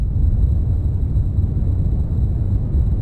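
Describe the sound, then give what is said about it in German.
Steady, loud wind blowing, a dense low rumble that roars without pause for the whole stretch, with no voices over it. “Gut, das ist jetzt der hinwehender Wind oder irgend sowas.”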